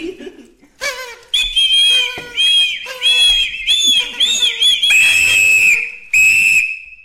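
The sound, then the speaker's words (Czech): A party blower that unrolls and rolls back up as it is blown is tooted in a series of loud, buzzy, reedy honks with wavering pitch, the last few held as steadier high drones, with short gaps between blasts. “Je to mluvící, rozvinovací a zavinovací jazyk. Zkus si ho. Na co to je? Strč to do pusy a foukni do toho.”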